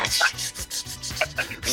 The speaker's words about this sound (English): That is such a horrible sound effect for grease popping in. What are the sound effects up in this piece?